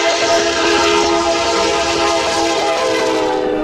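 A train rolls steadily along the Qinghai-Tibet Railway toward Wudaoliang station, at about 4,673 metres altitude, loud, with a continuous rumble, a sustained metallic tonal whine, and faint rhythmic clicks from the wheels, with no voices.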